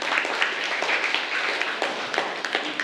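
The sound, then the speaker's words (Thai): Students in a classroom clap together in steady, dense applause lasting a few seconds, given at the teacher's request for group 1, whose answer she checked and found correct. The clapping is fairly loud, with no talking over it. “กลุ่มที่ทำถูกนะคะถูกต้องก็คือกลุ่มที่1กลุ่มที่3รวดเร็วก็จริงแต่ยังไม่ถูกต้องนะคะเมื่อสักครู่ครูตรวจสอบแล้วอ่ะกลุ่มที่1ปรบมือให้กลุ่มที่1ด้วยค่ะ”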